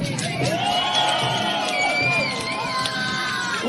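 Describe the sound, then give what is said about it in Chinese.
A large crowd packed along both banks of the Grand Canal in Beijing cheers and shouts continuously at a dragon boat race, with many overlapping voices, whoops and high-pitched calls rising and falling in a steady, loud roar of excitement. “大运河上古典激扬，龙舟比赛开疆竞渡，劈波斩浪，运河两岸摩肩接踵，加油声欢呼声此起彼伏。”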